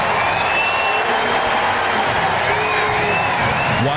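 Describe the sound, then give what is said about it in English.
A small ballpark crowd at a Cardinals–Diamondbacks baseball makeup game cheers and claps steadily for Cardinals player Jordan Walker in the first inning, a dense, continuous wash of voices with a few thin, high whistles rising above it. “Not a big crowd. They were vocal for Jordan Walker in his first game since winning the home run derby.”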